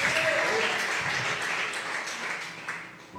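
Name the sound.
audience clapping hands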